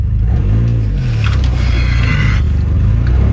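A loud, continuous metallic grinding and crunching of a car stuck on and scraping against another vehicle, a Ford Escape, as the driver reverses and tries to pull forward, with a heavy engine rumble and strained, sweeping motor tones throughout.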